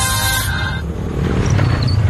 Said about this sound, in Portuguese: Ouviu essa moto? Deve ser um entregador.